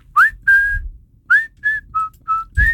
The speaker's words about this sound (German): Aber so normal pfeifen, so. Gut, dann würde ich sagen, schon, machen wir das kurz einmal miteinander. Ich mach's vor, okay?